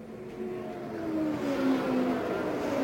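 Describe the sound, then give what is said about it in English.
Race car engines roar steadily as the cars sweep past on a race track in Indiana, their whining pitch sliding downward, a continuous mechanical drone with no voices. “To see them come by here in this Indiana sky is really worth something.”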